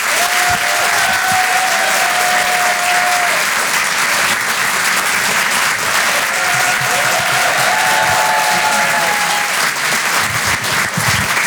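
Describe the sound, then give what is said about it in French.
The Rire et Chanson Comedy Club audience at the Apollo Théâtre in Paris applauds loudly and steadily for comedian Edgar Yves, dense clapping mixed with cheers and a few high whistles rising above the noise. “Faites un maximum de bruit, s'il vous plaît, pour Monsieur Edgar Yves.”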